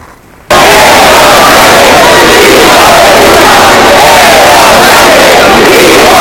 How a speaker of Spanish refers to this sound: Concentraciones como la de María Pita en La Coruña, en la que se han escuchado insultos al presidente del gobierno y gritos de Sánchez a prisión.